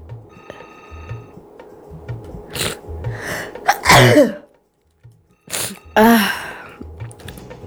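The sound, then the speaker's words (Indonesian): Two loud sneezes about two seconds apart, each preceded by a quick rising inhale, over a faint steady background hum with no talking. “Nah, aduh iklan dikit tadi ya, agak bersin-bersin.”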